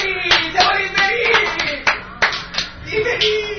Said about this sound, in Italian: Un applauso!